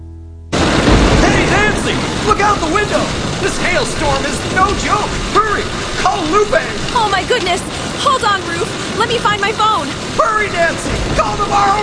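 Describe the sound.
Heavy rain hisses steadily, with deep rumbling booms of thunder rolling through. Voices can be heard under the downpour throughout.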